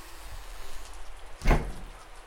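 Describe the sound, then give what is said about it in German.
Heavy rain pours down on a street as it grows dark, a steady, dense hiss, with a single dull knock or thump cutting through partway. No one speaks. “Ja, bei diesem strömenden Regen sind wirklich kaum Fußgänger auf der Straße.”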